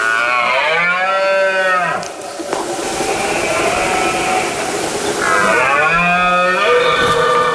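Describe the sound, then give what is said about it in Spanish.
A rutting male deer bellows twice during the September rut (berrea) in the province of Soria, Spain, each call a long, loud, deep roar with rich harmonics that rises and falls, separated by a few seconds of rough, hissing background noise. “Es la época del celo del ciervo y el corzo, por lo que el macho brama para llamar la atención de las hembras e imponerse ante el resto de los machos.”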